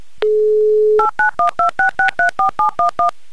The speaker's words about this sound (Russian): Набран номер телефона в Екатеринбург. Звоним от Москвы плюс 2 часа 18:18.